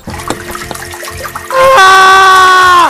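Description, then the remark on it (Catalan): Soft gurgling, trickling noises give way halfway through to a loud, sustained rush of water like a toilet flush, with a tonal whine on top until it cuts off. The sound stands for an old medical device that pumped up to 60 litres of water into a patient's rectum within seconds as an enema. “assegurava que els intestins de tots els seus pacients fossin convenientment irrigats amb un artilugi que aplicava fins a 60 litres d'aigua en el desafortunat recte d'un pacient en qüestió de segons.”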